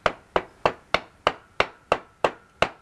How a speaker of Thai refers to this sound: ก็หมายถึงซี่มันไง ซี่ รถซี่รถม้าอย่างลักษณะเนี้ยมีลองตอกไปเลย ได้เหรอคะ ได้ลองใช้ค้อนตอกไปมันจะพอดีตอกอีกซี่นึงอ้าวนั่นๆๆตอกไปแล้วนะนะ